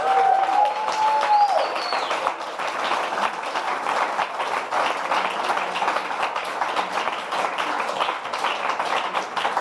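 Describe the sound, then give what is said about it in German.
Sustained applause from a sizable audience for all the performing artists after the last pieces of the 'kurzes brennendes Mikro' show, dense steady clapping lasting throughout, with a brief whistle-like tone near the start and faint cheering underneath. “Aber erstmal genau ein Applaus für alle Künstler und Künstlerinnen.”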